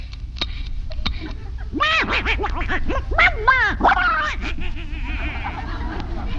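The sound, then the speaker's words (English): A duck flying overhead quacks repeatedly in a quick, raspy series of loud honking calls over a steady background hiss, with a couple of sharp clicks just before. “That duck is going to fly right over our heads.”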